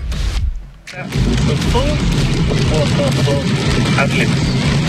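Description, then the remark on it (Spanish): Steady low rumble and broad road noise of a Tesla car driving, heard from inside the cabin, with a brief lull near the start and faint voices murmuring underneath while the driver listens to the radio. “Se escucha ahí su vehículo, cómo va.”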